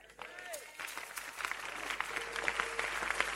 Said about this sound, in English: Clap, clap, clap, clap, clap, clap, clap.